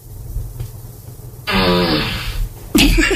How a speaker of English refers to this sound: Alexa, ask for a fart. Oh, no. Oh, that's a shitty one. That's ew.